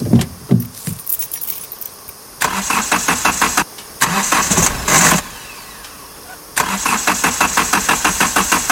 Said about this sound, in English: Mom, maybe we should try starting the car again.